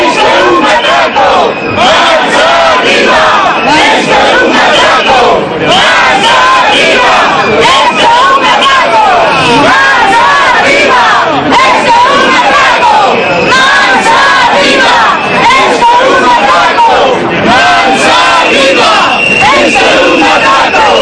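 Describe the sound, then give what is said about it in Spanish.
A large protest crowd in Galicia, Spain, shouts slogans in unison, including "Esto es un atraco" ("This is a robbery"), many voices rising and falling in loud, rhythmic bursts that continue without pause for the whole stretch. “Esto es un atraco, gritaban.”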